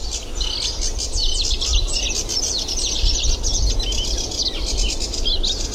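A sedge warbler sings a rapid, chattering stream of varied, scratchy phrases and high trills, continuous and fairly loud, over a steady low rumble of background noise.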